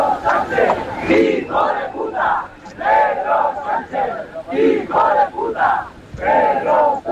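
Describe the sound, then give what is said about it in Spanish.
A large crowd waiting for a parade to begin boos and shouts at the head of government in repeated loud surges, voices rising and falling together in waves across the whole stretch, with no single speaker standing out. “Lamentables los gritos, los abucheos que un año más ha recibido el presidente del gobierno.”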